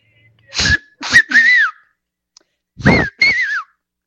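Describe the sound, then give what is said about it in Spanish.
A person gives two loud, breathy whistles, each a short blast followed by a longer wavering note, with a brief pause between them and no talking. “Y también ahí te mando un chiflido.”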